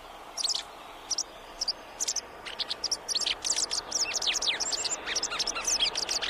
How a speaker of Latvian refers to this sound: Tā kā, ja šitāds putnēlis kaut kur tur, teiksim, uz jumta malas sēž un vidžina un brīžiem saka cizit, tad, nu, ja jūs nevarat saredzēt, tad klausieties, visticamāk, tā ir Baltā cielava.